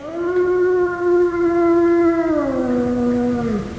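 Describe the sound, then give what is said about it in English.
A single long wolf howl, loud, holding a steady pitch for a few seconds before sliding downward at the end, with no talking. “No, a wolf howls any time of the day or night,”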